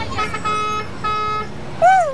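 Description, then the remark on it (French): Two loud, sustained car horn blasts over a low street rumble of cars, trucks and motorbikes, followed by a shorter honk that bends in pitch, like busy street traffic. “On entend les voitures, les camions, les motos, les klaxons.”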